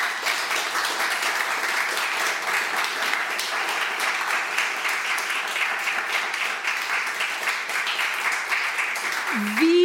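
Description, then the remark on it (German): Sustained applause from an audience for a discussion round at the Atelier Roman Lipski, an artist's studio. A dense, steady crackle of many hands clapping at an even loudness for the whole stretch, with a brief tonal voice-like sound near the end. “An diese tolle Runde einen großen Applaus, bitte.”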